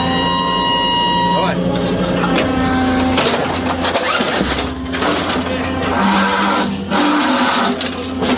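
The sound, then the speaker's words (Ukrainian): A French CAESAR 155-mm self-propelled howitzer being loaded by its crew at a firing position in Ukraine: steady, loud mechanical whirring and hydraulic hum, broken by a few sharp metallic clanks, with a voice talking over the machinery. “Далі заряджання 155-мм гармати.”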